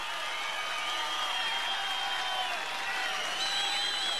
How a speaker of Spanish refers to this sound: El aplauso fuerte para el guaso Filomeno.